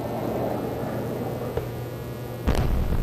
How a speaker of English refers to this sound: The sounds of missiles and explosions could be heard from NPR's Kyiv bureau for several hours overnight.